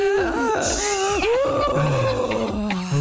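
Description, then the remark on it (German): A long, deep breath pushed out with voice as a breathing exercise, loud and wavering in pitch, sliding down at the end into a small, low moan. No one speaks. “Das Ende klang aber auch wie ein kleiner Stöhner bei dir, bin ich ehrlich.”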